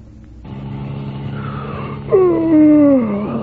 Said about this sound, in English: That yawn can result from long, boring hours behind the wheel. It's a danger signal that calls for no doze.